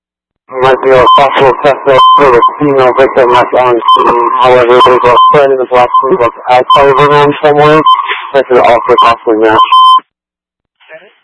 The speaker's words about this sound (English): and then the beeping distorted your voice.